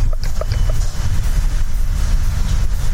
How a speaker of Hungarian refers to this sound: most erre sincs módunk, hiszen elhaladt a villamos.